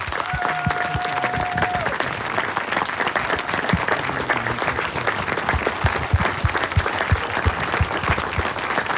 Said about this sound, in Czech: Za potlesku početného publika tady v Příchovicích, v penzionu u Čápa na Louce, byla pokřtěna knížka.